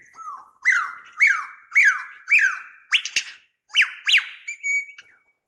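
A ground bird gives a rapid series of about eight loud, shrill shrieking alarm calls, each rising then sliding down, harsh, with no one talking.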